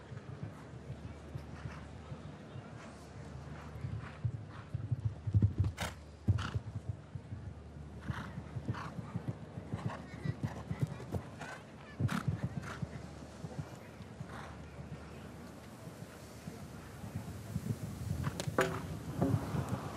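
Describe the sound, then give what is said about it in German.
Hooves of a show-jumping horse ridden in a competition round thud in scattered, irregular beats over a steady low rumble, with a few sharper, louder strikes standing out now and then and faint background murmur throughout. “Es ist heute eine komplett neue Erfahrung auch für Sie mit diesem Pferd, wie er die Aufgabenstellung annehmen könnte.”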